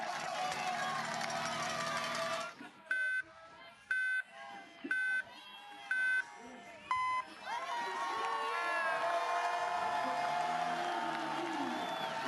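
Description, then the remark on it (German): Spectators cheer at a Tour de France time-trial start ramp as Remco Evenepoel, the world champion, sets off; they fall quieter as five evenly spaced countdown beeps sound, the last one lower in pitch, before the crowd noise swells again. “Jubelrufen mit diesen Helmen die Rampe herunter.”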